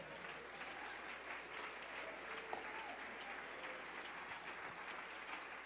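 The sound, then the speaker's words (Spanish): Sustained applause from a large group during a sermon, given to the King. A dense, continuous wash of many hands clapping at steady volume throughout, with no clear individual claps standing out. “Dele ese aplauso al Rey.”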